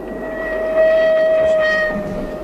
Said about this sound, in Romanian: Că trenul ăsta merge la Târgoviște.